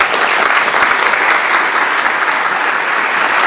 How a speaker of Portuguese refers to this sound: A Assembleia Legislativa de São Paulo realizou ontem uma sessão solene em homenagem aos 50 anos da Unesp, a Universidade Estadual Paulista. Plenário lotado e muitos aplausos.